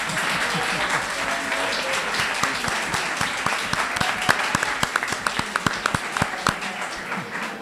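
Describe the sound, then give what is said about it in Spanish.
A crowd applauds steadily for several seconds, dense clapping, with sharper individual claps standing out near the end and faint voices murmuring underneath; applause for the bacon of a cafeteria. “O bacon de esta cafetería merece un aplauso, ¿no?”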